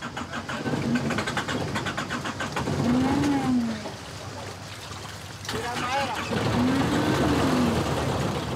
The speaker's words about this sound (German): Doch der Motor springt nicht an.